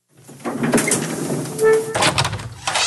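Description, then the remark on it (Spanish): A front door is pulled open to let visitors in out of the freezing cold, with a creaking, scraping mechanical sound and a brief squeal, followed by rustling movement. “Baja rápido y ábreles la puerta.”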